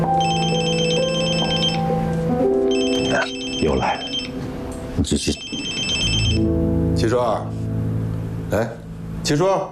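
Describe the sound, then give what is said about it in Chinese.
A telephone rings in repeated electronic bursts, each ring a bright trilling tone separated by short pauses. Voices and other indoor sounds carry on underneath it. “这个月把案子破了，这省厅一天好几个电话的问。”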